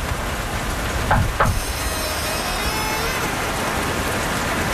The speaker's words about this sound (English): Wait. Can you knock on the door?